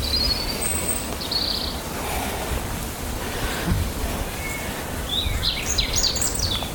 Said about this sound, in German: Wir dürfen auch den Vögeln lauschen.